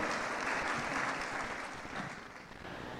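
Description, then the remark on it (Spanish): An audience applauds steadily for about three seconds, a dense, even wash of many hands clapping at a moderate level with no voices standing out. “Sí, usted está aplaudiendo porque ajá, pero usted no sabe lo que me iba a costar.”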